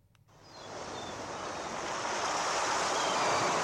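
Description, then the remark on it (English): Ocean surf rushes in, a broad wash of white noise that swells from quiet to a steady, loud roar over a few seconds, with no voices. “Little bit of salt water.”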